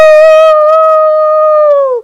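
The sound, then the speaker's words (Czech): A voice imitates the shrieking whistle of the rear half of a pretend train in a story: one loud, steady, high-pitched tone held for about two seconds, then sagging slightly in pitch as it cuts off. “Zadní polovina, Borek, pronikavě pískne.”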